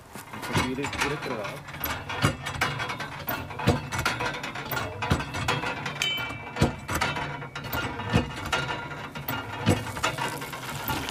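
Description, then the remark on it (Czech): A hand water pump is worked in steady strokes, each one a sharp metallic clank and ratcheting creak about every second and a half, over a continuous rushing hiss of flowing water. The pump draws miraculous spring water at a pilgrimage site in a forest. “Takže nacházíme se v lese, který zároveň obklopuje toto poutní místo a kde se tady našla ta zázračná orda, kterou můžeme dnes získat pomocí pumpy.”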